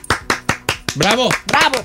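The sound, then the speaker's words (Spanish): Four sharp, evenly spaced clap-like smacks made with the mouth rather than hands, followed by a loud voice sliding up and down in an exaggerated cheer. “¿Por qué aplauden ustedes sin las manos?”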